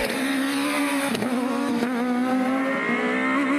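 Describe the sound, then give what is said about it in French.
A four-cylinder rally car engine, in the car that won the French rally championship in 1996 and 1997 with Gilles Panizzi, screams at 9000 rpm, a sustained loud, steady wail with slight pitch wobbles and brief dips as it shifts, with no talking. “Je vous laisse profiter du son incroyable de ce 4 cylindres qui hurle à 9000 tours.”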